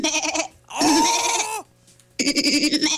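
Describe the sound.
A person imitates a goat with three loud, nasal bleats: a short one, a longer wavering one that trails off, then another after a brief pause.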